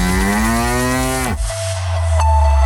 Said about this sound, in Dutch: Een koe.